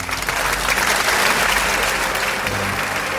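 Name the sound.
audience applause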